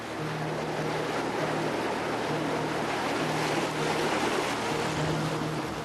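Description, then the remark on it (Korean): Gentle sea waves wash steadily against the shore as the tide goes out and the waves calm, off Dokgeodo island, in a continuous, even hiss, with a faint low engine-like hum drifting in and out underneath. No one speaks. “어느새 물이 빠지고 파도가 한결 잔잔해졌습니다.”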